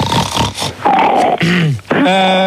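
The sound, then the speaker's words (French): Loud, rough snorting and sniffing bursts, followed by grunting, whining vocal sounds that slide in pitch and end on a sustained nasal tone. No one speaks. “Voilà, mais c'est qui, là, qui renifle comme un bouc, là ?”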